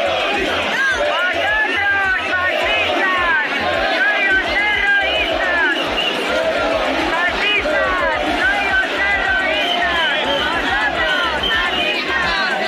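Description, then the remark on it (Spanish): A dense crowd of protesters at the Government Delegation shouts and chants together, trying to attack Radio Televisión Española reporters and a camera operator; many overlapping voices form a loud, continuous roar with rhythmic surges, no single speaker standing out. “Tensión con un grupo específico de manifestantes que gritó e intentó agredir a los compañeros de Radio Televisión Española y a un cámara.”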